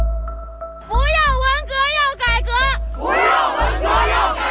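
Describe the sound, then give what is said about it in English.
A protest crowd in the street in China, during the white paper protests, shouts in loud, wavering chants that rise and fall in bursts, then swells into a dense, rough roar of many voices yelling at once. “So I think it got to the point where then they reached boiling point and the protests took to the streets.”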